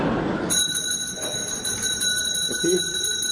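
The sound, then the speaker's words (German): A bell starts ringing after a brief moment and keeps going nonstop, a loud, bright, steady electric ring with a slight rapid trill, over a low background rumble. “Es läutet.”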